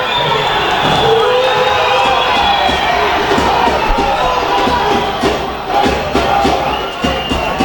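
Football fans boo in a stadium at the end of a match in which 2 de Mayo beat Cerro Porteño 2-0: a dense, steady roar of many voices that stays loud throughout, with scattered shouts and claps rising out of the mass of sound.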